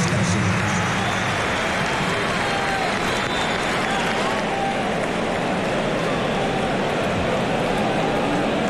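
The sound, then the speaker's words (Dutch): Loud, steady applause from a big stadium crowd as Sociedad substitutes off Oyarzabal, a dense wash of clapping and cheering that holds at full strength for the whole stretch with no pause. “Dan ben ik benieuwd of dat luide applaus dan uiteindelijk was voor Oyarzabal.”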